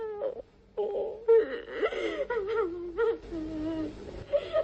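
A woman cries and wails in long, wavering moaning sobs, fairly loud, with brief breathy catches between bursts and no other voices.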